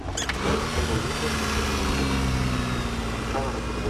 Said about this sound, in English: We've got to give her a crank. It's the only car here with a crank handle.